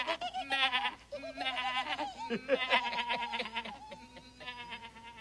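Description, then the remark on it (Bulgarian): Several young goats bleat in quick, overlapping succession, their quavering, high-pitched cries fairly loud, filling about five seconds with barely a pause. “Пускам ви на воля днес. Вижте, там из полето чака ви тревица прасна. Бързо скачайте, козлета.”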